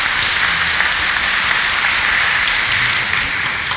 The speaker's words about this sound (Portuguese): Ah, é uma salva de palmas, pessoal, então, para os nossos visitantes.